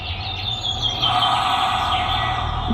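Birds chirp faintly and continuously through a door intercom, their calls thin and tinny over a steady hiss and low hum from the line. No one speaks.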